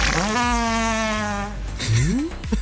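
A long, droning fart with a steady buzzing tone lasts over a second, then rises into a shorter squeaky, upward-sliding blurt near the end, fairly loud, recorded out in the cold.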